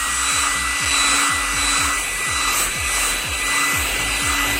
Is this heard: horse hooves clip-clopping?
no